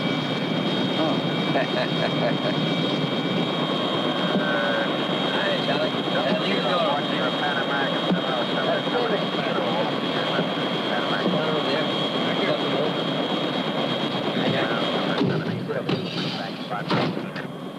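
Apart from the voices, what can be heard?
helicopter flying nearby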